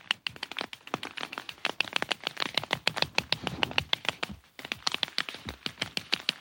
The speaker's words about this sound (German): Und irgendwo spechtet es um mich herum, wie verrückt. Was ist das für ein Geräusch?